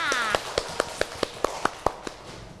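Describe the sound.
Children clap their hands in unison for their teacher, about ten sharp, evenly spaced claps in a quick steady rhythm, with a brief voice at the start.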